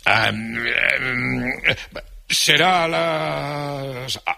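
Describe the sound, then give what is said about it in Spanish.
A voice acts out the yawn of the little prince: a long, drawn-out voiced groan, a couple of breathy gasps, then a second sustained moaning stretch that slowly sinks in pitch and trails off. “El principito bostezó y dijo que se iba”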